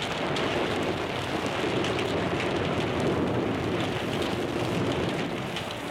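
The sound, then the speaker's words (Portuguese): Steady, dense rain hiss with continuous patter and a low rumbling thunder undertone, loud and unbroken throughout with no voices; a radio sound effect of rain with thunder from the golden age of radio soap operas, used to illustrate suspense series. “Ou uma chuva com trovões, que ilustrava as séries de suspense.”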